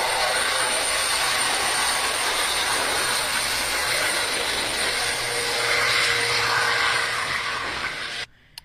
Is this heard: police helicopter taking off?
yes